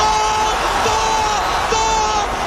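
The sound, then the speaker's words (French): A huge stadium crowd at the Aztec Stadium in Mexico during the 1986 World Cup final roars in a dense, continuous wash of noise, loud, with sustained horn-like tones rising above the din a few times. “Vous entendez les hurlements du stade.”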